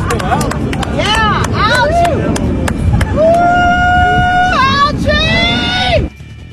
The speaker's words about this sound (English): Yes, they're cheering pond scum. They're literally chanting for algae down at the reflecting pool on the mall in Washington, D.C. You heard the women there dressed like cartoon characters or Oompa Loompas or something from Willy Wonka.